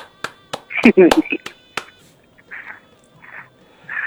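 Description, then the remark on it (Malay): Half a dozen sharp, loud claps ring out at uneven intervals over roughly two seconds, mixed with excited voices, then the clapping stops and muffled talk continues. “Tepuk tangan”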